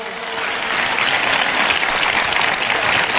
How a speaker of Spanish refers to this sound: Vamos a darle ese aplauso fuerte a Dios.